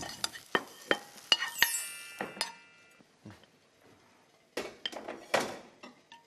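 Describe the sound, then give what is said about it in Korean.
Shiitake mushrooms seasoned with salt and sesame oil are stir-fried, with a utensil repeatedly scraping and clinking against the pan in irregular bursts, a pause in the middle, and no one talking. “소금하고 참기름 조금 둘렀잖아요. 볶아주시면 돼요, 얘도.”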